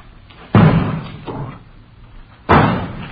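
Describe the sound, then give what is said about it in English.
Vegetables thrown against a front window smack into it: two loud, heavy thuds a couple of seconds apart, with a fainter knock in between, each landing with a dull, booming impact and no voices. “They're throwing vegetables at that front window.”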